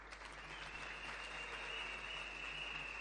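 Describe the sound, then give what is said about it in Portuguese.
A crowd claps steadily in a dense, continuous wash of applause that fills the whole stretch, fairly loud and sustained without pause or spoken voices; a big round of applause as former presidents of the national youth council are asked to stand at a Mozambican youth event. “senhores antigos presidentes dos conselhos nacional da juventude, que eu queria para poderem se levantar, é uma grande salva de palmas.”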